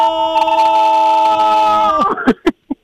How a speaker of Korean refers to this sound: 자, 그렇다면 마음 놓고 야호 외쳐도 되겠네요. 자, 야호 하면서 이 통화 마무리를 한번 해보도록 하겠습니다. 하나, 둘, 셋. 야호!